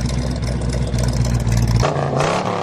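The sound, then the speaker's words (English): The Bullet Mustang, the legendary Steve McQueen movie car: its V8 engine rumbles loudly with a deep, steady throb, then the revs climb sharply near the end into a harsher, rising roar. No voices. “The most legendary movie car of all time. Ladies and gentlemen, the Bullet Mustang.”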